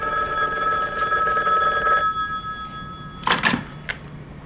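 A telephone rings with a steady, bright electronic trill for about two seconds, then stops, followed by a brief clatter like the handset being picked up.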